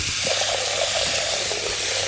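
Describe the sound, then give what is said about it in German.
A steady, continuous rush of water pouring from a kitchen tap into a pot, an even hiss with a faint low hum underneath and no voices. “Wassermarsch.”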